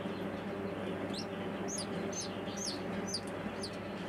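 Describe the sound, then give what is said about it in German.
A newly hatched bantam chick, the second one helped out of its egg, peeps repeatedly, about eight thin, high-pitched cheeps in a fairly even rhythm, heard over a steady low background hum with no talking. “Das ist einfach ein Hühnerküken. Das ist so eine Zwerghuhnrasse.”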